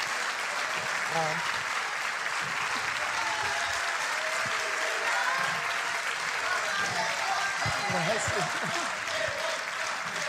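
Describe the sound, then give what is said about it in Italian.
Sustained applause from an audience welcoming football coach Giampiero Gasperini, a dense steady wash of clapping that stays loud for the full ten seconds, with faint cheers and voices mixed in underneath. “Beh, che accoglienza! Mi sono portato i tifosi dietro.”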